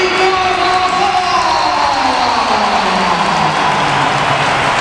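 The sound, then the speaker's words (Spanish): A large crowd applauds Carvajal's entrance, steadily for the full five seconds, a dense, loud wash of clapping and roar, with a couple of slowly falling tones drifting through the noise. “Esto es un aplauso.”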